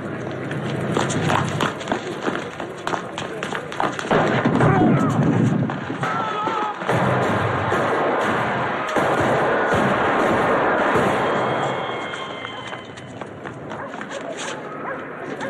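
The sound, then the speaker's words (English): Hurried running footsteps give way to a sudden burst of rapid gunfire, loud, in a busy, dense mix with indistinct voices and a dog barking; a clip from the film The Godfather, the scene where the Don is shot five times. “Just a bunch of gunshots, but something about the feet, the way they were.”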